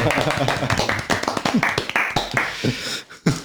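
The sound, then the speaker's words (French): An audience claps for poetry just read, in a dense, irregular patter of sharp slaps lasting about three seconds, with voices murmuring underneath, before the applause briefly drops away near the end. “Et ça s'applaudit la poésie du coup Ah, chez nous, oui.”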